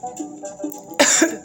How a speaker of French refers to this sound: On tousse.